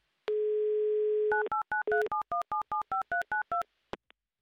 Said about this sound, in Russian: Набирай ваш номер, пожалуйста, возьмите трубку.